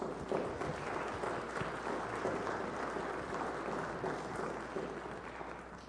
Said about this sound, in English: So I want you to give these guys a round of applause. It's really hard to do, like just to share parts about what they just shared about. So thank you guys.